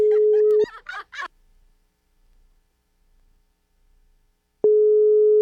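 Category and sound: signal or alarm, phone call ringing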